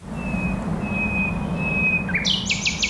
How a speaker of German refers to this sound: Eine Berliner Nachtigall.